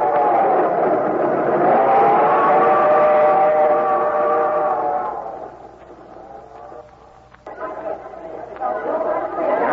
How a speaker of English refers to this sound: First time I've been down in New York subway. Yeah? Yeah. Well, this is the busiest subway station in the world,